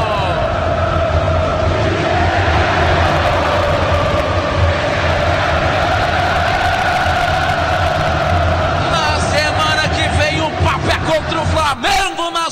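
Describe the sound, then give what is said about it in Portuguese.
A huge crowd of Cruzeiro football fans at the Gigante da Pampulha stadium chants and sings in unison, a loud, continuous roar of massed voices holding a steady tune; toward the end a single voice begins talking over it. “E a torcida do Cruzeiro já entra no clima da Libertadores. Escutem só!”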